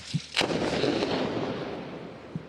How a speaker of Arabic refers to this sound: تم استهداف سيارة. الآن تم استهداف سيارة من قبل قوات الاحتلال الإسرائيلي. يبدو الصوت قريبا منكم. ربما هذه المسيرة، هذه السيارة، يبدو أن هنالك استهداف من قبل قوات الاحتلال الإسرائيلي.